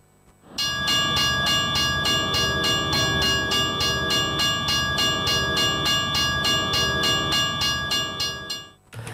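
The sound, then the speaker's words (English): A train rumbles past while a bell rings steadily in rapid, even strokes throughout, loud and constant before fading at the end. No one speaks. “Now, I am here, and the train is running on time.”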